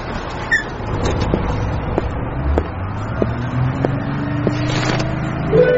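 A bus engine drones steadily while driving, its low hum climbing in pitch as it picks up speed, with occasional rattles and knocks from the cabin. No one speaks.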